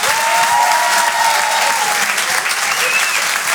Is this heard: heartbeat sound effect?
no